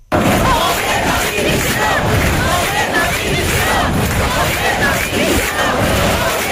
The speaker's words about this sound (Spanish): Aunque se trató de desvincular las concentraciones de cuestiones partidistas o ataques al gobierno de España, sí pudieron escucharse gritos en contra de Pedro Sánchez.